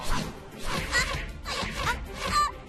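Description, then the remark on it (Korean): Arrows whoosh past in quick succession, a rapid flurry of sharp swishes followed by a couple more, loud, with no one talking; portrayed as the Sun shooting ultraviolet arrows. “나는 1년 내내 이 자외선 화살을 쏠 수 있지. 쏴쏴쏴! 쏴! 쏴!”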